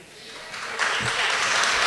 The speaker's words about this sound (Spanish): un aplauso